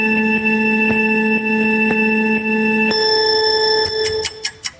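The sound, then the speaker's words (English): A 3-second countdown buzzer that starts a 10-second timed round: a steady electronic buzzer tone holds for about three seconds with faint ticks, shifts to a higher pitch, then ends in a few short bright beeps. No one speaks. “you're going to hear a little 3-second sort of countdown. It sounds like a buzzer.”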